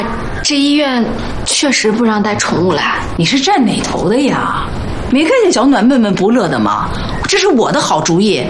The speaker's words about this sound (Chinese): 谁家的小狗啊，这么可爱？我家的，叫什么名字啊？ 丁丁， 好可爱啊！